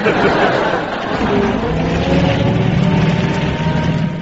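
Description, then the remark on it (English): A heavy old lorry engine with engine trouble labours loudly and continuously, its low rumble rough and strained without letting up. “Engine trouble. Fall out and push.”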